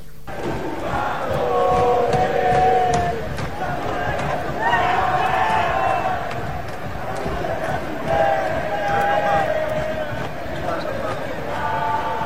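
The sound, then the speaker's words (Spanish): A large crowd of Inter Miami football supporters chants in unison, a steady sung rhythm rising and falling in waves over a constant roar of many voices, loud throughout. “Inter Miami, lo que cantaba la hinchada del Inter Miami, y creo que quiero que presten atención, ¿qué dicen?”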